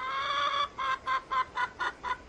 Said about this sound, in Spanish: ¡Sí, una gallina! ¡No solo una! ¡Tiene pollos! ¡Ah, el misterioso animal está aquí! ¡Son aves locas, locas! ¡Ah! Hola, gallinas.